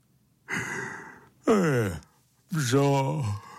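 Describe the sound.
A voice acts out a loud, drawn-out yawn: a breathy inhale, then a falling voiced groan and a long sustained vocal exhale, close and clear with no other speech.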